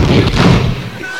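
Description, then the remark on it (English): A heavy, muffled bathroom door is slammed shut and locked, booming out once, loud, its low thud fading away within about a second with no talking around it. “Because they always win the race to the bathroom. Just, and they let you know they're locking it.”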